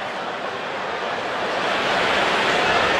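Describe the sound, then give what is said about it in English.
A steady, dense wash of baseball stadium crowd noise hums on without pause, a broad buzzing murmur of many voices reacting to a home run by Seiya Suzuki, swelling slightly louder toward the end, with no single voice standing out. “Crowd's buzzing about that home run, aren't they?”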